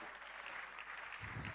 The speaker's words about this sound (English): A round of applause